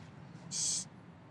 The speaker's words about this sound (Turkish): Dur Safiye, ne yap? Niye uçurdun kuşu?